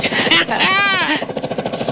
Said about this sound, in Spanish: Motosierra me dicen por acá, que ya hemos dicho que no. Vayan escuchando lo que no es tan bien. Un martillo percutor.